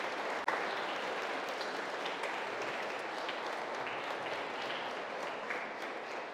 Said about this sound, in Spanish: Gracias también a los catequistas que dedicaron su tiempo para enseñarles sobre Jesús, sobre la fe. También un aplauso a sus catequistas.